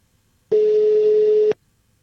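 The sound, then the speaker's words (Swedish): A single steady telephone ringback tone of an outgoing call sounds for about a second, clear, then cuts off into near silence. No one speaks. “Nej, det ringer kanske mitt i frukosten på sängen.”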